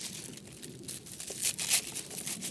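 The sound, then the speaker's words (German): Dried pineapple mint leaves being crumbled by hand, a steady crinkly rustling with brief crisp crackles that grow slightly louder toward the end, no voices. “Ich mache jetzt als erstes hier die Ananasminze.”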